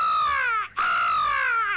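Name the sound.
crow cawing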